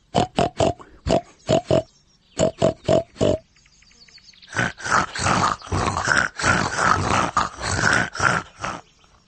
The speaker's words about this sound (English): grunt like a pig in a sty.